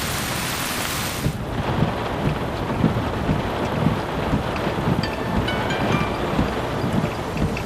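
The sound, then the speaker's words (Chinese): A heavy downpour, caught while on the road driving tourists back, roars loudly and steadily, a dense hiss of rain with soft low rumbling beneath it and no voices. “我在路上呢，拉着游客往回走了，赶上下雨了，下的可大了啊”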